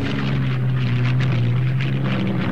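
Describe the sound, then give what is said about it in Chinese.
A steady, droning aircraft engine hums overhead, heard by wounded soldiers resting halfway along a road from the front, where the Nationalist air force targeted the wounded and civilians; a low sustained tone with a rushing, wind-like wash above it, holding even and fairly loud throughout with no voices. “突然听到天上传来了飞机的声音。”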